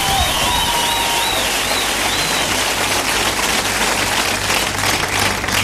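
Loud, dense applause from a crowd, a steady wash of clapping that holds for several seconds, with a few high, wavering whistles rising above it near the start.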